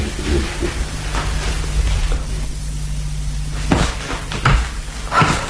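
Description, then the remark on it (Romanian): A door is pushed shut, with a few sharp thuds and clatters toward the end over a steady low hum, and no one speaks. “Și închide ușa”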